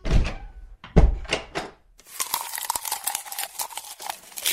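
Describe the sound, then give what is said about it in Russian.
A door slams loudly a few times in the first two seconds, heavy booming thuds, followed by a steady crinkling, crunching texture that continues to the end. No one speaks. “Кто кто-то громко хлопает дверью.”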